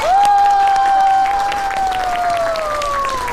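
A classroom of students bursts into dense, steady applause for a few seconds, with a sustained high-pitched whistle or cheer gliding slowly downward above the clapping.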